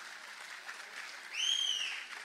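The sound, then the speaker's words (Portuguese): Steady audience applause, a dense patter of many hands clapping, with a brief high whistle rising over it partway through, the audience applauding Jesus, Kardec and Chico. No one speaks. “toda vez que vocês gostarem de alguma coisa, pode espontaneamente aplaudir, tá bom?”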